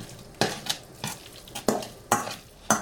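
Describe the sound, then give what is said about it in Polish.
A utensil gently stirs a salmon salad with lemon juice in a bowl, producing about six soft, scraping clinks at an uneven, unhurried rhythm, fairly quiet, with no voices. “Teraz delikatnie całość rozmieszam.”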